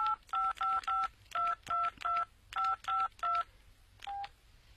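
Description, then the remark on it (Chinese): A rapid series of short, evenly spaced mobile phone keypad tones as a phone number is dialed, about eleven beeps in quick succession with a final beep after a brief pause, clear with no talking. “那用你的手机打他的手机”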